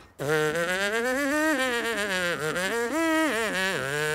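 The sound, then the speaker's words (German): Buzzing lips carry a continuous melody without an instrument, brass-player style, with a reedy, nasal tone sliding smoothly between pitches. It's loud and sustained for about four seconds without pause. “Alle Melodien mit den Lippen summen.”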